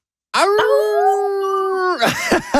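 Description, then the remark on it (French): Two people imitate a wolf howl together on a count of three in one long, steady wail lasting about a second and a half, then break off into brief laughter-like bursts. “On se quitte sur un petit hurlement de loup?”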